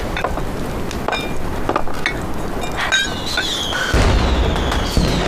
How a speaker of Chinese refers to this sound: 哎，放烟花了。 好漂亮！这是谁放的烟花呀？